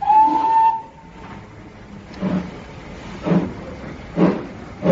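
A short, clear train whistle blast opens, then fades into the steady, rhythmic chuffing of a steam train rolling along, with puffs about once a second and no voices.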